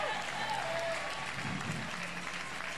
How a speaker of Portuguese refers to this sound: Aplauda o nome de Deus.